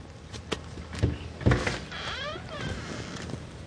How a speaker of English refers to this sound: When he gets to the door, he gently knocks.